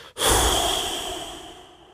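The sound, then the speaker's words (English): A single long, breathy whoosh of air blown out through the mouth around the tongue with lips pursed outward, as the noisy exhale of a breathing exercise after a quiet inhale through the nose, starting strong after a brief pause and slowly fading over about two seconds, with a faint steady whistle-like tone running through it. “And the sound you're going to make when you exhale is a kind of whoosh, like.”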